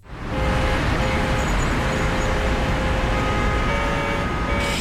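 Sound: city car traffic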